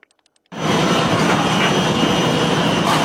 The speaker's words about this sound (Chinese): 在二连浩特铁路口岸换装作业现场，两台巨大的龙门吊正在进行进出境货物换装作业。